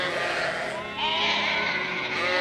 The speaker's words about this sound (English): It's a commonly held belief that of all farm animals, sheep are by far the stupidest.